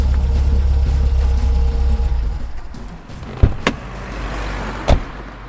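A car engine rumbles steadily, then winds down after a couple of seconds as the vehicle comes to a stop, followed by a few sharp clunks like a door or latch.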